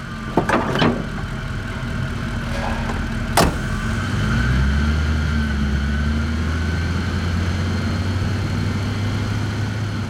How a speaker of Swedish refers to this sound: Bärgningsbilen är klar." Örni klättrar upp på förarplatsen. Han trycker på startknappen. Den stora motorn går igång med ett mullrande ljud.